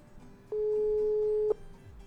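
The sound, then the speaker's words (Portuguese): A single steady telephone ringback tone, as a radio show calls a listener's number, sounds clearly for about one second, then stops, with only faint low background noise before and after. “Telefone chamando, ouvinte atendendo.”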